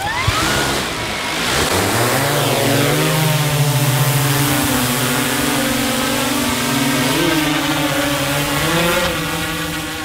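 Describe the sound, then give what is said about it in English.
A drone's rotors whir up from rest to a loud, steady buzzing hum that shifts slightly in pitch as it lifts off and flies straight up toward a rocky knob, disappearing from naked-eye view within seconds, with no voices. “Within seconds, the drone disappears from our naked eye view.”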